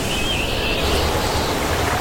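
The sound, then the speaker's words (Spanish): Steady road noise from inside a moving car: a continuous low rumble with a broad, even hiss over it, holding constant throughout with no voices. “Pues yo solo oigo la carretera.”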